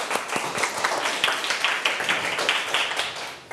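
A group of children clap together in a classroom, a dense, steady patter of many hands at close range that keeps up without pause for a few seconds.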